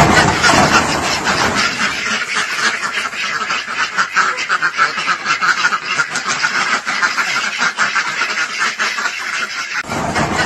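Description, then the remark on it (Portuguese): A dense flock of ducks quacks continuously and loudly as they leave a barn and quickly back away on touching an icy surface, a chaotic overlapping chorus with no voices or other sounds. “Nós temos um vídeo que circula nas redes sociais mostrando patos saindo de um celeiro, recuando rapidamente ao entrarem em contato com a superfície gelada.”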